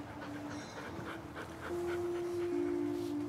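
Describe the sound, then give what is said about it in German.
A sad dog from an animal shelter whimpers and whines, thin high-pitched tones drawn out and wavering over soft panting breaths, with no one speaking. “Ich werde meiner Mutter dann von dem super süßen und traurigen Hund erzählen, den ich heute im Tierheim gesehen habe.”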